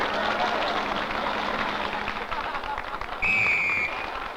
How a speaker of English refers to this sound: Okay, audience, applaud, you little boogers.